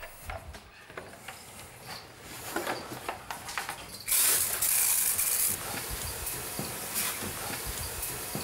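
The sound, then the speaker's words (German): A sharp burst of hot water sprayed onto iguanas to raise the air humidity hisses out for about a second and a half midway through, surrounded by quieter clicks and handling noises, with no speech. “Also wir sprühen die Tiere damit ein, deswegen ist das Wasser auch heiß.”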